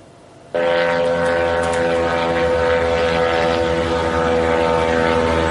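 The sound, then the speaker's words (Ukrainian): A loud, steady propeller-engine drone starts abruptly and holds at constant volume, a buzzing harmonic whine of a Ukrainian attack drone flying overhead in St. Petersburg on the night of 4 July, with no speech. “Вже вдруге цього літа українські дрони атакували там нафтовий термінал та військові об'єкти ворога.”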